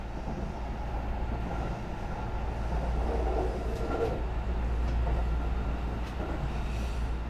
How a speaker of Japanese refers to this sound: さあ、発車いたしました。各駅停車、向こうが丘遊園駅の車内でございます。涼しい、もうね真夏の旅ですからね、やっぱりこの車両の涼しさは嬉しい。